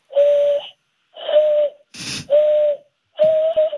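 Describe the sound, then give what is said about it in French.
Four breathy, hollow whistles blown through cupped hands, imitating how American Indians whistled to communicate, each a steady low tone held about half a second with a soft airy hiss, evenly spaced, with a brief breathy burst between the second and third. “Oui, alors bah, la chose inutile dont je suis fier, c'est que je sais siffler comme les Indiens.”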